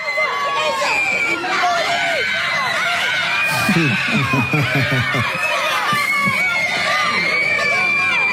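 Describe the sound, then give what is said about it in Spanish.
Schoolchildren at Colegio Regina in Rafael Calzada, Buenos Aires suburbs, shouting and cheering excitedly during a video call with Argentina national team players Tagliafico, Thiago Almada and Enzo Fernández, high-pitched voices overlapping in a constant loud din with bursts of screams throughout. “Un vivo para los pibes del colegio. Con los jugadores de la selección argentina, la emoción de los chicos.”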